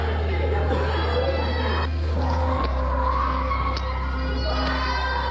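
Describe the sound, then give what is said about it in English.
A loud, agitated crowd shouts and yells continuously at the train station in Sfax during violent police arrests of migrants, voices overlapping in a chaotic din over a steady low rumble, with occasional sharper cries cutting through; filmed secretly. “When we reached the train station, we witnessed violent arrests of migrants by police officers. We managed to film secretly.”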